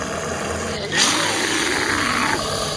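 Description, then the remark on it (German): A bear growls once, a loud, rough, sustained rumble that swells suddenly and holds for over a second before easing off, with no one talking. “Das Bärenknurren noch im Ohr betrete ich die Kirche.”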